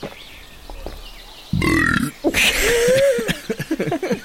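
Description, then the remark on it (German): A person lets out a long, loud burp after a quiet moment, its rough croak stretching out before breaking into a few shorter guttural pulses at the end. “Nee, bei mir klingt das so.”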